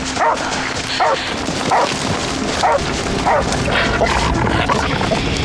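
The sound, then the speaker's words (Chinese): A police dog named Xingban (星斑) barks repeatedly in a steady rhythm on finding a suspicious object, about six sharp barks spaced under a second apart, over a constant noisy background. “报告领导，警犬星斑发现可疑物，请指示。”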